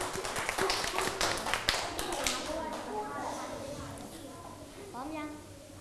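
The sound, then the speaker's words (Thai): A group of students claps hands at their teacher's request, to encourage a group about to present, in a dense, lively burst of applause that gradually thins out over a few seconds, after which voices start talking. “รอบที่2ให้เต็มที่ปรบมือให้กำลังใจจ้า”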